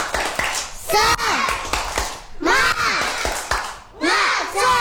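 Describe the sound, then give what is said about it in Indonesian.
Kindergarten children of TK Anugrah in Kota Gurindam clap in a quick rhythmic pattern while chanting the 'tepuk semangat' clap chant together in unison, sharp hand claps punctuating their raised, excited voices. “Sebelum ke penampilan kita tepuk sekali lagi, yuk. Tepuk semangat.”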